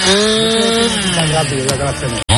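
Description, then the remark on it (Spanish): A loud chainsaw engine whines steadily as it cuts wood while crews establish a wildfire control line in Mijares, Spain, its pitch sagging and rising under load, then cuts out abruptly for a split second near the end before roaring back. “Se ha establecido línea de control en Mijares con motosierras y herramientas manuales.”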